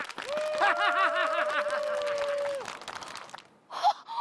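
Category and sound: crowd, hand clapping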